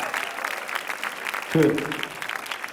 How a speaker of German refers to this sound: Und für DJ David auch noch bitte einen Applaus.